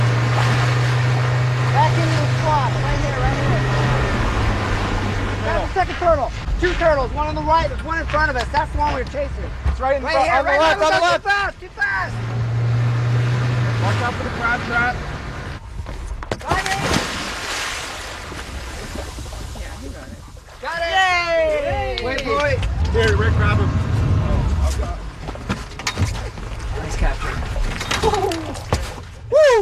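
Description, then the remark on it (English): A motorboat engine hums low and steady on open water off the coast of Florida while several scientists talk loudly. Partway through comes a sharp, noisy rush, a heavy splash as a scientist jumps into the water to catch a turtle for tagging. “in a boat with a bunch of scientists off the coast of Florida doing the first step of tagging a turtle”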